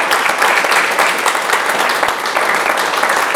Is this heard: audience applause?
yes